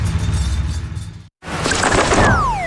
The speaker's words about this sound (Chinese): 呀，小鸟撞玻璃上了。